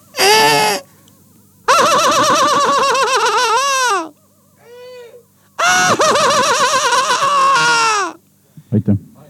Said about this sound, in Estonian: Kas ma tohiks siia vahele teha kajakanaeru teie lemmikhäält? Jah. Palun. Tähelepanu ja nüüd 15 sekundit kajakanaeru.